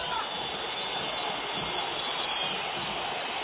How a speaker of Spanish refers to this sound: Silbido monumental.